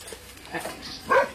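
Dogs sniffing at a visitor make soft, restless noises, with a brief high whimpering whine near the end and faint snuffling in between, all fairly quiet.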